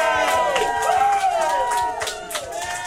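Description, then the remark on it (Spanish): A lively crowd cheers and whoops with scattered clapping mixed in, voices rising and falling in excited shouts, fairly loud and continuous across the short burst. “Buenos días para ti y un aplauso para todos ustedes que nos sintonizan.”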